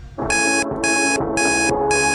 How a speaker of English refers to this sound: All you've got to do is try and work out what song you can hear playing in the background as the alarm goes off. The alarm's annoying, really annoying. So try and focus on the song in the background.